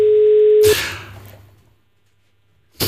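A steady telephone ringback tone hums for under a second, then breaks off into a loud rustling clatter that fades to near silence before another burst of noise.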